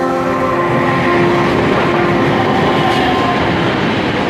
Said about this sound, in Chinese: 拉各斯轻轨蓝线作为西非地区首条电气化轻轨，一期工程全长13公里，共设5座车站，设计时速80公里每小时，是当地有史以来施工难度最大的基础设施工程之一。